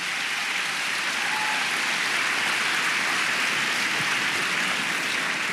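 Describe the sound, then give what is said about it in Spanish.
A church audience claps for the Lord, a dense, continuous patter of many hands that holds an even loudness throughout, with no voices standing out. “Dele palmas al Señor.”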